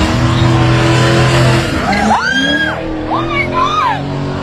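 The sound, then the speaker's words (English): A Corvette's engine roars steadily, then tires squeal loudly in several rising and falling arcs as it spins donuts on Kenmount Road in Newfoundland at night, the screeches overlapping the revving engine. “Video circulating on social media shows a Corvette doing donuts in the middle of”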